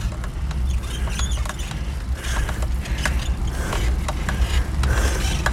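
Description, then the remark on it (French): A bicycle creaks and squeaks repeatedly as it's ridden, sharp little chirps at an uneven pace over a steady low rumble of rolling and wind, with no one speaking. “Ouais, ça grince un peu, ça commence à mal.”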